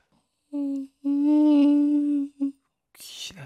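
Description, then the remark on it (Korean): A voice imitates a mosquito's buzz with steady, nasal humming tones in three bursts, one short, one long, one brief, followed by a breathy, hissing exhale. “모기 소리 할게요.”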